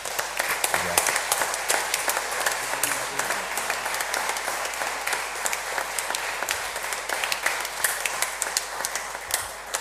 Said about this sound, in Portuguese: a nossa gratidão também com uma salva de palmas.